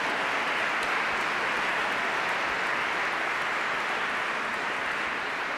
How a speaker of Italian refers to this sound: E saluto di benvenuto con un bel applauso alla corale della Repubblica Ceca da Brno. Česká republika, город Brno.